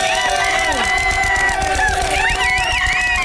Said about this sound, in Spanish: Bueno, Lagrimita y Costel, venga el aplauso.